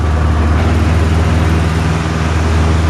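A very small, extremely light airplane's engine roars steadily during takeoff with the Beauvais-Tillé aero club at Beauvais, needing very few metres to leave the ground, a loud, continuous drone with a low droning hum and a wash of broad noise over it, no voices.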